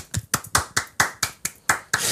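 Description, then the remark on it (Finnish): Rapid, evenly spaced hand claps imitating a noise, about nine sharp slaps in two seconds, fairly loud with a steady rhythm and no talking. “Kuka täällä salissa taputtaa nyt koko ajan?”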